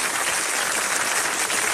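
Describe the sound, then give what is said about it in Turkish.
A crowd applauding steadily, a dense, even wash of many hands clapping at full volume for a couple of seconds, with no voices over it. “Alkış demeyelim mi?”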